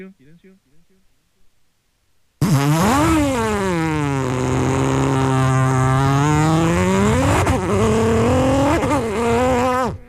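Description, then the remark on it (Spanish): A person's voice imitates a rally car engine, starting abruptly after a faint murmur and holding a loud, buzzing, revving drone that dips and rises in pitch for several seconds, continuous. “Soy un buen imitador de auto de rally.”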